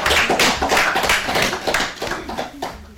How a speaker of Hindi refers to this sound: क्या बात है। तो बजा दीजिए बच्चों विवेक के लिए तालियां।